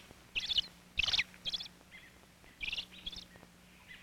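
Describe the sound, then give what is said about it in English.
A father robin gives a rapid series of sharp, high chirps in short agitated bursts, clear, with brief pauses between calls over a quiet background, excited as a cat goes to the tree where the young robins are. “Now, father robin is excited.”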